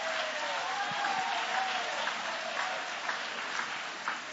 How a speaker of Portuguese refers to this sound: Oh, meus irmãos, se você tem Jesus que tem suprido as necessidades da sua alma, joga a mão para cima e aplaude a Ele com alegria.